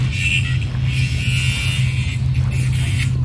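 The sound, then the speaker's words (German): A gardener runs an angle grinder steadily, giving off a continuous high whine over a low droning hum and a rough, gritty hiss. It stays at an even loudness throughout. “Dieses Schleifgeräusch, gehört das zum Sound? Ach nein, das ist der Gärtner mit der Flex.”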